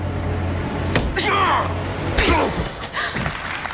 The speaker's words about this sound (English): She knees him in the groin.